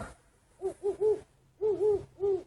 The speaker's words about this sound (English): And some very fat owls who are learning to hoot.